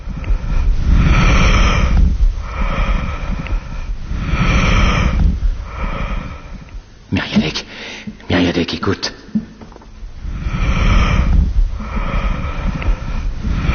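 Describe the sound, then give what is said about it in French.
Muffled breath sounds of a patient's lungs heard through a stethoscope, the vesicular murmur of the alveoli, swelling and fading in slow, regular cycles. A few quick spoken words and some rustling break in around the middle. “Oui, le murmure vésiculaire des alvéoles qui se plissent et se déplissent selon la mécanique respiratoire.”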